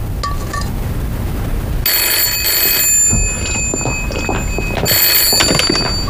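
An old-fashioned telephone rings in two loud, jangling bursts separated by a short pause, over a steady background hum.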